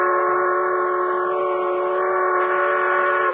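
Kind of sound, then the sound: vehicle, steam train whistle blowing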